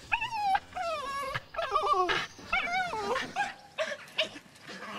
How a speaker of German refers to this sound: Und der Hund freut sich auch. Der ist auch immer ganz aufgeregt, wenn die da rauskommen.